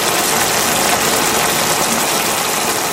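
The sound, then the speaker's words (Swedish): Bacon sizzling in a pan: a dense, steady hiss of tiny crackles and pops, loud and unbroken for the whole stretch, with a faint low hum of a kitchen exhaust fan beneath and no voices. “Det var bacon.”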